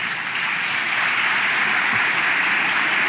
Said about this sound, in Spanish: Sí, aplaude nomás.